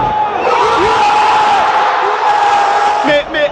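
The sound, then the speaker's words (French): A dense, roaring crowd of Moroccan football supporters in Monterrey erupts in sustained joyful cheering after a penalty shootout victory, loud and steady throughout, with whistles and shouts rising from the mass of voices before a brief dip near the end. “Puis c'est l'explosion de joie.”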